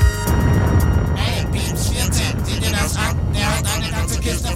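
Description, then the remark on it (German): A strawberry truck's engine rumbles low and steady throughout, continuous, with indistinct voices talking over the droning motor. “landen genau vor dem Erdbeer-LKW, der die Kiste mit Fritz F. Niedmeier zum Flughafen bringen soll”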